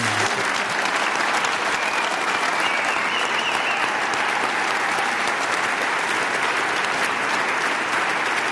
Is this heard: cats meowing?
no